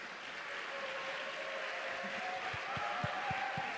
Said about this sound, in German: Und ich weiß nicht, ob es euch ähnlich geht. Wenn es euch so geht, einen Applaus bitte.